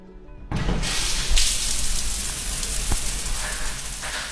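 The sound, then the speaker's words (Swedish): Running water hisses and rushes steadily through the swimming pool hall of Askims simhall in Gothenburg, starting abruptly after a half-second of quiet and continuing evenly, with a faint click partway through. No one speaks. “När jag slår upp dörrarna till Askims simhall i Göteborg så luktar det bekant av klor.”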